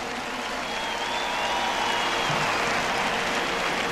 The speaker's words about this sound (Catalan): Volia demanar un aplaudiment també per tot l'equip tècnic que ha fet tot això possible. Un aplaudiment també pel manejament, discogràfica, productora i tot el rotllo aquest.